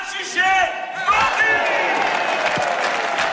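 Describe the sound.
A crowd at a wine auction shouts together as the bidding on a 500-litre barrel reaches 400,000. It is one loud, sustained burst of many overlapping voices, rising into cheering with a hint of clapping mixed in for a few seconds.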